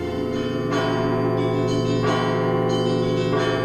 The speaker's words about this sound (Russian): Воскресным зимним утром 1946 года жителей подмосковного Загорска разбудил колокольный звон. Люди ушам своим не верили. Звонили в Троице-Сергиевой лавре.